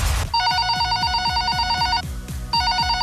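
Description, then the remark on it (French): A telephone rings loudly in a rapid electronic trill, one long burst, a brief pause, then a second burst, over a steady thumping beat. “En tout cas, que Quantum Insurance, jamais téléphone pourrait sonner dans vite comme ça.”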